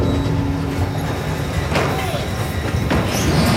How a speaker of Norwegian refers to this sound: Gjennom hele høsten ser folk I Orkanger togvogner fulle av malm som dundrer forbi ned mot havna.